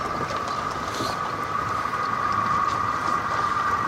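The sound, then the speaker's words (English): A steady engine drone with a strong humming tone and constant rushing noise, like a motorboat cruising across water, continuous with no voices. “What's this boat here that you can rent? The moving one?”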